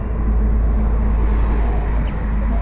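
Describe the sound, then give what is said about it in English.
Steady, heavy rumble of a traffic jam of idling and slow-moving cars, a dense low engine drone that holds at a constant loud level throughout, with no voices. “It's a traffic jam.”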